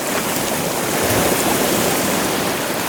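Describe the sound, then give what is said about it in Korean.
A steady, gentle wash of sea water, like calm waves lapping, fills the whole recording at an even level with no distinct crashes and no voices. “그러자 나는 바다 위였다. 파도는 잔잔했다.”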